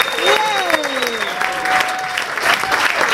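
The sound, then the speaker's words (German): A large audience claps loudly and steadily throughout, dense, with a few sliding whoops and a high whistle rising above the applause, welcoming a singer onto the stage. “Begrüßt sie mit einem riesengroßen Applaus.”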